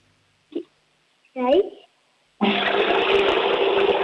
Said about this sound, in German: Na holla, die Waldfee. Die Oma hat eine laute Klospülung.